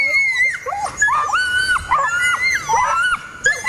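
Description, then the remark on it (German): A duck tolling retriever lets out its shrill Toller scream: a loud, piercing string of high, wavering yelps and squeals that rise and fall almost without pause, with no one talking. “Dann haben die sogenannten Toller-Schrei und der ist eben sehr laut, sehr schrill, geht gefühlt durch Mark und Bein.”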